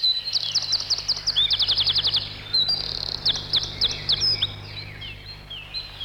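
A lively bird song of rapid, high-pitched chirping trills in quick bursts, repeating with short pauses, over a faint steady low hum.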